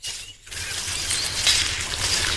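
Continuous rustling and crackling of a leafy eucalyptus branch being tugged and stripped by a feeding koala on Raymond Island, southeastern Australia, on a warm, clear autumn evening, starting after a brief quiet moment and running steadily to the end, with no voices.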